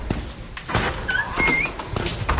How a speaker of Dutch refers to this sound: Eerst even die deur door.